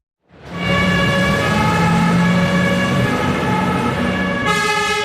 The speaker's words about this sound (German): Die Feuerwache der Luzerner Feuerwehr gestern Nachmittag. Gerade mehrere Fahrzeuge rücken wegen einem Alarm aus zum Einsatz, zu einem von gut 1'400 pro Jahr.